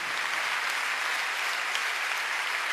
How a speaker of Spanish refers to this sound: Cuando le dan un aplauso al Señor por esa presencia.